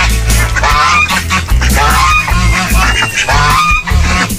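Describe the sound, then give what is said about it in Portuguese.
A loud, dense chorus of geese, ducks and teal honking and quacking over one another, continuous, with harsh overlapping calls and no pauses. “É marreco misturado com ganso, com pato.”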